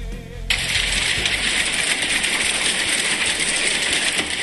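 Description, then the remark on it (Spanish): Hail pelting down hard and steadily, a dense clatter of countless small impacts rattling on a surface with no pause, loud, with no voices. “Me encanta el sonido del granizo. Escucha.”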